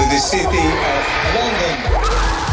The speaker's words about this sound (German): Erst ungläubiges Staunen, dann grenzenloser Jubel, als IOC-Präsident Rogge die Überraschung verkündet.